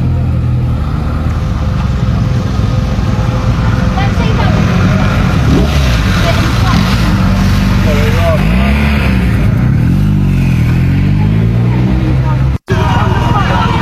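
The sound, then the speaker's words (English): A police-escorted convoy of four coaches carrying migrants in the United Kingdom rumbles past in a loud, steady roar of engines and tyres, with a deeper engine swell midway and indistinct voices underneath. “Also, police escort for four coaches, four kind of Greyhound buses of those migrants as well.”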